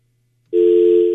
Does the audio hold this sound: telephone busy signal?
yes